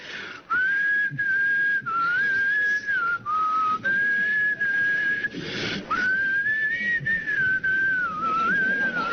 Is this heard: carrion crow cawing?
no